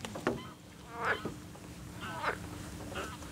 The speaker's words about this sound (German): Frösche im Hintergrund.